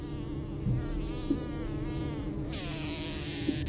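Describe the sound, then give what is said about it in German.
A steady insect drone of wasps living between the side wall and roof of a house, a low wavering hum with shifting overtones that holds throughout, joined by a brighter hiss in the second half. No voices. “Diesen Sommer wohnen wieder Wespen zwischen Seitenwand und Dach.”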